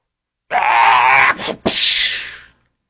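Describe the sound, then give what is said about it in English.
A person imitates an otter with a loud, harsh, squealing screech lasting about two seconds, broken by a brief gap partway through before a raspy second burst that fades out. “That was my little stupid otter noise.”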